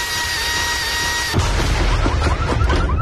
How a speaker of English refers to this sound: Hey, neighbor, what you working on over there? I'm just adding some power to the old leaf blower. Is that a turbo?